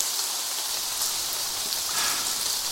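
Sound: pouring rain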